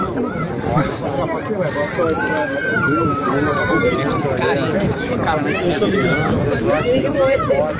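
A large crowd of fans chatters and calls out at a Brazil team training session, a dense, continuous babble of many overlapping voices, steady and fairly loud throughout, with no single speaker standing out.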